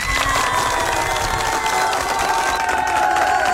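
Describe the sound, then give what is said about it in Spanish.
A crowd cheers and applauds steadily for the DJ, with dense clapping and high whoops and shouts forming a loud, continuous wash of noise, and a few voices rising above it. “Muchas felicidades, un fuerte aplauso para la DJ.”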